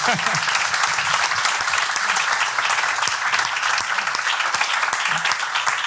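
Sustained applause from an audience, a dense, steady wash of many hands clapping at a constant loudness for several seconds, with no voices standing out.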